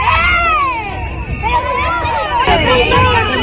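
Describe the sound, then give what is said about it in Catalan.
Several colleagues shout and cry out at once as a National Police officer shoves a teacher to the ground, their overlapping raised voices forming a loud, agitated clamor that never lets up and surges again partway through. “Són els crits dels companys que estaven i que van veure aquesta agressió.”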